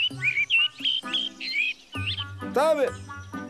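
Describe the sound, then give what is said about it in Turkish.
Bright, high bird chirps repeat in quick, clear bursts, with a lower voice-like murmur and a brief squeaky sweep mixed in partway through. “Baksana etrafına. Şu kuşların güzelliği mesela.”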